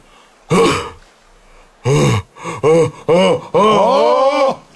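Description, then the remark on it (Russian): A person acts out an exaggerated metallurgist's yawn: a short voiced burst, a few quick grunting sounds, then a long drawn-out groaning exhale, loud against a quiet background. “А вот теперь зевок металлурга.”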